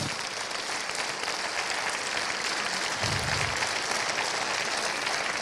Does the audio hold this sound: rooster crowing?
no